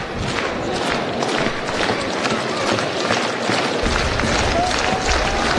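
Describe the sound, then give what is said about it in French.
A baseball stadium crowd at a Goldeyes game against Milwaukee getting excited as a ball is hit very high, a dense, steady roar of many voices and cheering that fills in and grows slightly fuller partway through, with no clear individual speech. “La foule qui s'anime.”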